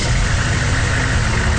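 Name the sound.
truck engine idling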